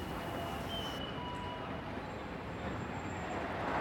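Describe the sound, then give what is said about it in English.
A steady, dense roar of city traffic fills the scene, with a passing tram rumbling along and faint high-pitched squeals from the rails, continuous throughout. “Between the tram. The traffic.”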